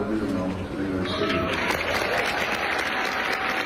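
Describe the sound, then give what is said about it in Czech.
Orchestra musicians in the United States burst into sustained applause and cheering on being told who their new chief conductor will be: dense clapping mixed with excited shouts and voices, loud and continuous throughout. “Když hudebníkům oznámili, že bude jejich novým šéfem, propukli v jásot, jaký byste čekali spíš od fanoušku?”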